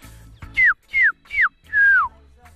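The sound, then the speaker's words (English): A person whistles an imitation of a drongo call: three short descending whistles followed by a longer sliding one, clear and fairly loud, with no talking. “A drongo. Who's up for the drongo?”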